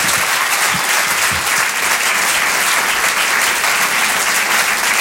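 audience applauding warmly

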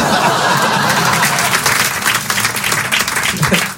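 audience applause and laughter

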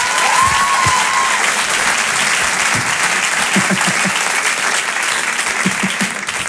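audience applause

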